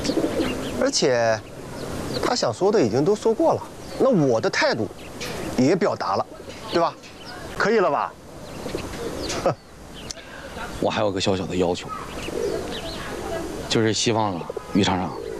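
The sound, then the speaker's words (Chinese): Pigeons that have just been treated for illness and are perking up coo in soft, repeated murmurs under lively, overlapping conversation in Shanghai, persistent through most of the scene. “你看这我这一出手，鸽子马上精神。”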